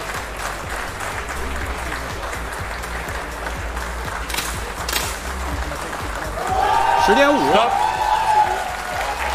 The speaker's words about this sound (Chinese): 现场的观众呢，因为在有节奏的鼓掌，所以对场上比赛的运动员还是有一定的干扰。